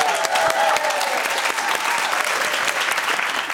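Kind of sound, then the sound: human body sound, one person clapping hands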